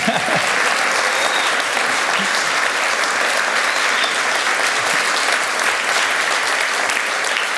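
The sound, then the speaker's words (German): An audience claps steadily for several seconds, a dense, even wash of many hands at constant loudness with no voices standing out, at a live broadcast from the Alpenfest in Lengries. “Sie können gerne klatschen, wenn Sie wollen.”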